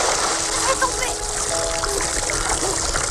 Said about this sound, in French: La scène, iconique, se termine dans les rires et les éclaboussures.